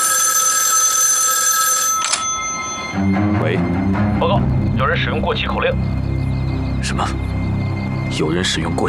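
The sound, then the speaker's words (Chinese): A telephone rings for a call placed to the inside of a prison, a steady, bright electronic tone for about two seconds, loud, then stops and a voice starts talking over a low hum. “我现在就给里面打电话，让他们把犯人给提出来。”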